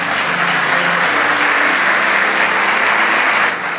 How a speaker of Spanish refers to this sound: Vamos, dale ese aplauso.